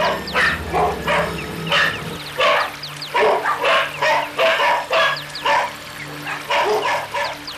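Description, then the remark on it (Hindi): A large pack of dogs barks rapidly and continuously while giving chase, many overlapping yaps and woofs in quick bursts, loud, with a low steady hum underneath and no speech. “और उनके पीछे पीछे जीभ लपलपाता, दांत चमकाता, रुधिर लोलुप विशाल श्वान समूह।”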